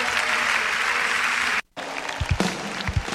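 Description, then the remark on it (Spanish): A crowd breaks into sustained applause, dense clapping throughout, briefly cut off by a short silence before resuming with a few low thumps and scattered claps. “ganen el mejor de los aplausos.”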